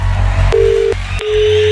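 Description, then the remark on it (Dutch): Outgoing phone call ringing tone: a steady mid-pitched beep sounds briefly, pauses, then starts again, heard clearly over a low background rumble with no one speaking. Studio Brussel radio is calling a listener's mobile phone. “Hopelijk zie jij nu je gsm oplichten. Of hoor je die rinkelen?”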